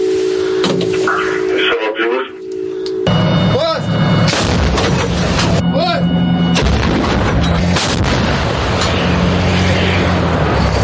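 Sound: artillery gun firing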